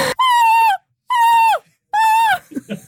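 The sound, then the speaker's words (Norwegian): NRK presenter Linn Vik imitates a seagull's cry in the studio with three loud, drawn-out, high-pitched calls, each holding steady then sliding down at the end, separated by short pauses, followed by a moment of talking. “hvor diverse situasjoner der også har blitt til korte klipp, som da programleder Linn Vik brøt ut I måkeskrik I studio.”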